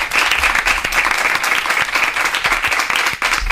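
Sustained audience applause for a program's production team, a dense, steady wash of many hands clapping at an even, fairly loud level throughout, with no voices standing out.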